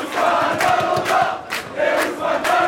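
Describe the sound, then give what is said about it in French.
A bar on rue Raymond Losserand in Paris's 14th arrondissement full of PSG supporters cheering and shouting together over their team's Champions League win, a loud, continuous roar of many voices with chanted surges rising and falling, and no single voice standing out. “Des cris de liesse dans ce bar parisien où Benjamin Ily a suivi la rencontre”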